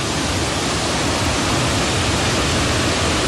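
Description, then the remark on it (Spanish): A loud, steady roar of heavy surf from a ground swell pounding a rocky shore, the water overtopping the rock formations and reaching a building. Continuous with no distinct breaks between waves, and no voices. “Y esas formaciones rocosas, pues eran completamente pasadas, sobrepasadas por la fuerza del agua.”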